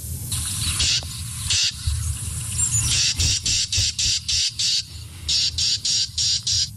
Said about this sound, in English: That is a Carolina Wren as well. Yeah, that is the same bird. Oh, man. That is, I think the bird is agitated when it makes that noise.